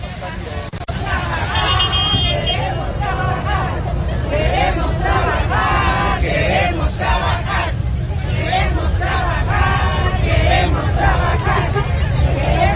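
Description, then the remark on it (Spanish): A crowd of protesting business owners and workers at the Zócalo shouts together in a loud, continuous roar of overlapping voices that rises and falls in rhythmic bursts, chanting for the fences to be removed and to be allowed to work, with traffic and an occasional car horn underneath. “Por cuarta ocasión, en menos de una semana, los empresarios y trabajadores gritaron al unísono: queremos trabajar, fuera vallas y fuera la gente.”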